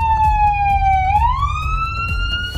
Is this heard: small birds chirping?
no